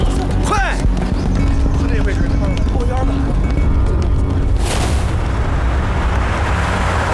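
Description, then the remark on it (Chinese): A heavy explosion booms partway through, a broad roaring blast that lingers as rumble over a low, constant drone, with commotion and people's voices around it. “是不是矿场炸了？”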